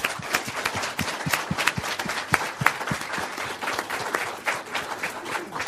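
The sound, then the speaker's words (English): An audience applauds steadily to thank three speakers after an afternoon session: many hands clapping at once in a dense, continuous patter that stays fairly loud and even throughout, with no voices standing out. “And I'd just ask you to join me in thanking them all once again.”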